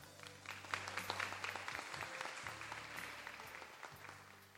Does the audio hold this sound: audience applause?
yes